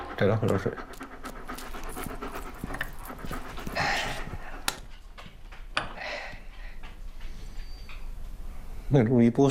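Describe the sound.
A dog pants rapidly and steadily up close, its quick breaths running through the whole stretch while people talk nearby.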